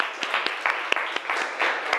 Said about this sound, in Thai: ขอเสียงปรบมือดังๆให้เพื่อนของเราด้วยนะคะ